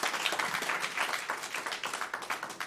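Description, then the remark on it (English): An audience at a band's jazz performance applauds the special guests, a steady dense patter of many hands clapping at moderate loudness for a few seconds, with no voices over it. “But let's hear it one more time for our special guest, …, here on keys, and ….”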